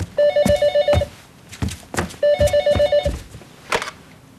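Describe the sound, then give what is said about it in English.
A telephone rings twice, each burst a rapid electronic trill lasting about a second with a pause between, with a few soft knocks and clicks around it. “I figured that if I didn't call now, you'd call the police soon.”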